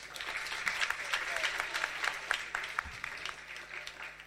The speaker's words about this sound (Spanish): Esta noche estamos grabando. Estamos grabando. Un aplauso, por favor.